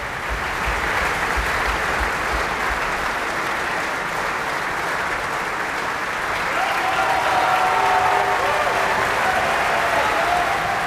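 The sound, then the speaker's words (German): Sustained, dense applause from a large opera audience at Bayreuth, celebrating the singer of Wotan and the Wanderer in the Ring. A steady wash of many hands clapping at an even, loud level throughout, with a faint whistle-like tone rising briefly near the end. “Und Sie hören es am Publikum, am Applaus.”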